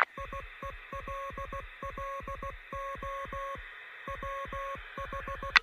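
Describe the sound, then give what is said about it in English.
Rapid groups of short electronic beeps tap out Morse code over a steady hiss of radio static, picked up on a radio receiver in Kentucky, fairly clear, with a brief burst of crackle at the very end. “It sounds like Morse code.”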